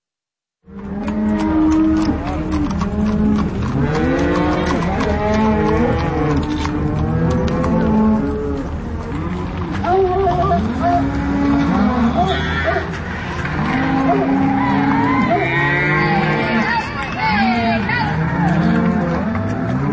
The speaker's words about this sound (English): spring cattle drive on their way through downtown Carbondale.